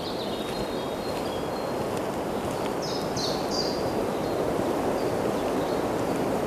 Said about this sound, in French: Les rafales de vent glissent, ondulent, comme les dunes.